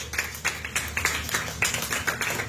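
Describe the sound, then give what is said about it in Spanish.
A church audience claps together in a steady, rhythmic beat as an offering of claps to the Lord, the sharp claps coming roughly three per second over a low, sustained hum, with no voices heard. “Tiene una ofrenda de palmas al Señor”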